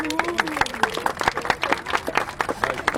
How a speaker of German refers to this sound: Aber ansonsten bin ich erstmal happy, dass ihr alle hier seid. Erstmal Applaus für euch.